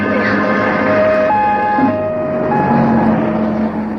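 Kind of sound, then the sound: vehicle, ambulance siren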